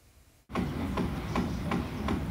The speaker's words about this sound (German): Da wird in diesem Altbau von einem neuen Eigentümer saniert, aber womöglich auch, um die alten Mieter loszuwerden. Ständiger Baulärm zumindest kann die Nerven mürbe machen.